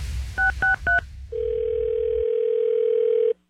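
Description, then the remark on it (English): Three quick dialing beeps, then a single long, steady ring tone over a phone line during a call on radio station Kiss 97.3, holding for about two seconds before cutting off. Clear, with no voices. “answer the phone.”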